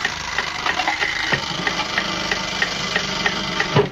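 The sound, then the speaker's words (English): A broken alarm clock mechanism whirs and rattles steadily, with a rapid, even ticking of sharp metallic clicks over a continuous mechanical buzz, fairly loud throughout and with no voices. “One defunct alarm clock. Gotta have possibilities in it somewhere.”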